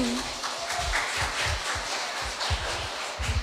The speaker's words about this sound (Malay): Tepuk tangan dan tunjukkan semangatmu.